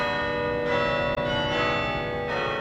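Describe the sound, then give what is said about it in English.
Campus bells at Yale in New Haven, Connecticut, ring out at lunchtime in rich, overlapping tones, with new strikes layering over the lingering hum of earlier ones. The ringing is steady and fairly loud, with no voices present. “At Yale's campus in New Haven, Connecticut, the bells ring every lunchtime.”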